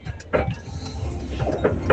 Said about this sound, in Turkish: Araba, yalnız burada araba hala dökülmek üzere, duydunuz mu?